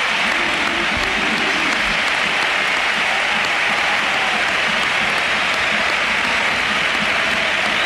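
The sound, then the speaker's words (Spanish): A large stadium crowd at the Sánchez Pizjuán gives a sustained ovation to footballer Luka Modric, thousands of hands clapping in a dense, continuous roar that stays loud and steady from start to finish. “y ovación a Modri, que también le han pegado.”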